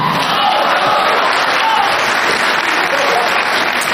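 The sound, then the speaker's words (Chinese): An audience at a stage performance applauds and cheers the performers steadily and loudly for several seconds, dense clapping mixed with scattered whoops and shouts of cheering, with no single voice standing out. “哎，大家鼓掌了，倒叫啊，叫啊！”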